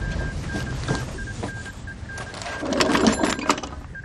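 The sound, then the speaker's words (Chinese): Someone operates a telephone up close, calling the Qian front-line position from division headquarters: a steady series of short beeping tones repeats over rapid mechanical clicking and rattling, which grows louder and busier toward the end. No one speaks. “给钱阵地打电话，问问发生了什么事。”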